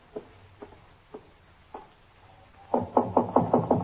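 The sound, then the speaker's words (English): Knocking on a door: a few soft, spaced taps, then a louder run of about six quick knocks, with no voices. “Just knock on the door.”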